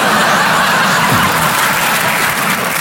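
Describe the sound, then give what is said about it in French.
A live audience claps steadily and laughs, a loud, dense wash of applause that fills the whole moment without letting up. “N'applaudissez pas, vous allez tous mourir, hein.”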